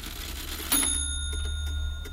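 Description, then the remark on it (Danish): A clock ticks softly in a quiet living room, a sharper click followed by a steady run of faint, evenly spaced ticks over a low background hum, with no one speaking. “Et ur tikker i stuen, og ellers er der rimelig stille omkring dig.”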